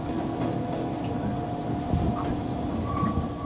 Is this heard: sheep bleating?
no